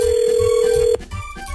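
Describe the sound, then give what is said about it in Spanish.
A phone ringback tone on an outgoing call to a construction worker: one steady, fairly loud ring lasting about a second, then cutting off, with a soft rhythmic background beat continuing underneath. “Tenemos el teléfono de este vato.”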